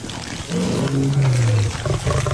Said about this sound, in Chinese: 但他下去之后就后悔了，眼前正有几头狮子撕咬着刚刚扑杀的斑马。